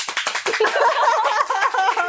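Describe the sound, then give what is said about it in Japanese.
A live audience breaks into applause, clapping to show they are nervous, many hands clapping in a dense, steady patter, with voices and cheers mixed in as the clapping continues. “緊張してたら拍手して。”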